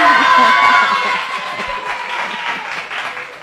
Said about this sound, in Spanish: Ustedes no lo vieron, pero nuestro público estaba esperando que terminara de decir correcta para poder aplaudir y eso estuvo fantástico.